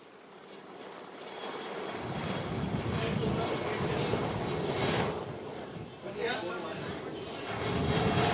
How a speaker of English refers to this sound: So multiple rounds by the chopper showering rose petals.